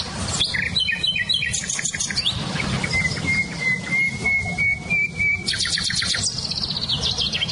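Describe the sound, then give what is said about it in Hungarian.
Several songbirds, including a nightingale, a blackbird, a chiffchaff and blackcaps, sing at once outdoors: rapid trilling phrases, a long steady whistled note, and bursts of high chirps over a constant low rumble of background noise, with no talking. “nem csak a fülemüle hallatszik ki, hanem például a fekete rigó, csircsapfüzikének nagyon erős hangja van”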